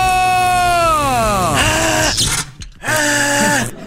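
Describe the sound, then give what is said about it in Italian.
A loud electric-chair shock with a drawn-out, wavering scream that bends downward in pitch, breaks off briefly, then resumes in a second strained cry, intense. “Per questo si becca una bella scossa dalla nostra sedia elettrica.”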